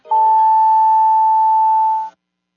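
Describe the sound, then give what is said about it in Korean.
A single loud, steady electronic tone from a Korean-language radio time signal marking 5:30 holds at one pitch for about two seconds, then cuts off cleanly, with no voices over it. “5시 30분을 알려드립니다.”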